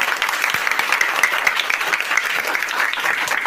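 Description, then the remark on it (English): An audience at a school quiz programme on Bauchi Radio Corporation, Bauchi State, applauds a team with steady, dense clapping that stays loud and even throughout, individual claps blurring into a continuous bright rattle. “I say a round of applause for them.”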